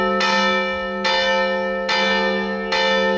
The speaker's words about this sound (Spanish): Las campanas de la colegiata de San Isidro repicaban así esta mañana.